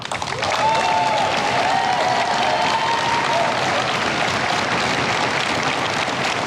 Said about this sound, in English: Lots of applause at this point followed that announcement.